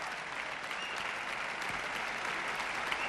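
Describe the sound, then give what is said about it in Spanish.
Sustained ovation from a large concert audience for the Orquesta de la Comunidad Valenciana, standing with conductor Gustavo Gimeno at the Granada International Festival of Music and Dance. A dense, steady roar of many hands clapping at even loudness throughout, with no voices standing out. “Ahora el concertino, toda la orquesta en pie y ovación general para la Orquesta de la Comunidad Valenciana.”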